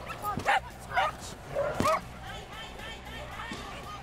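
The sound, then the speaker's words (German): Several sharp dog barks and yips ring out at irregular intervals over a steady murmur of a crowd at a dog agility competition, where dogs run one after another for points, with a few more barks and whines in the busy background. “Und schließlich rennt ein Hund nach dem anderen um Punkte.”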